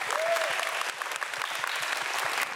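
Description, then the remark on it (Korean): A crowd breaks into sustained applause for team 200, winner of the top yeonhui award, a dense, steady wash of many hands clapping with a few sharper individual claps standing out, holding at an even loudness throughout. “여러분 큰 박수 한번 부탁드리겠습니다.”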